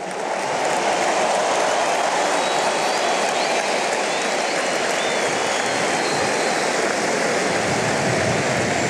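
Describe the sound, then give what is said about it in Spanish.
Sustained, dense applause from a large crowd during a speech by Messi, a steady roar of clapping that stays loud and even for the whole stretch with no voices standing out. “Bien Messi, manejando los tiempos, con el discurso, los aplausos.”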